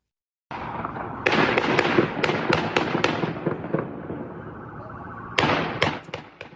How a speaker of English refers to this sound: So you hear those loud pops, it sounds like gunfire, and you see a man believed to be the suspect carrying a rifle.